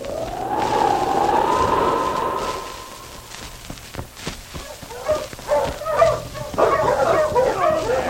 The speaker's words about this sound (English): His team was made up of 5-6 huskies with an exceptionally good dog running as a free lead.